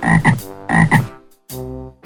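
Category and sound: animal, frog croaking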